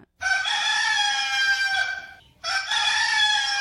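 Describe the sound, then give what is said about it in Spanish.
A rooster crows loudly at 5:44 in the morning, one long harmonic call followed by the start of a second after a brief pause, with no voices present. “Ahí está ya ese gallo cantando.”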